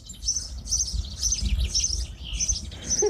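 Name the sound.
small birds chirping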